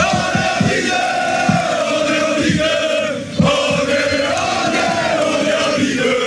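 A huge stadium crowd at Stade Gaston Gérard roars and cheers continuously, celebrating a last big evening: a dense wall of voices with rhythmic thumping beats underneath and a brief dip in loudness midway before the roar surges back.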